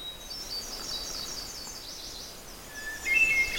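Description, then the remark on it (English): Clear, flute-like song of a hermit thrush rings out in a quiet coniferous forest of white spruce, balsam and jack pine, a held opening note followed by fluting phrases, with softer birds calling in the background and no talking. “And the flute-like song is the hermit thrush.”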